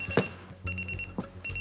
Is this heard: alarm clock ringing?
yes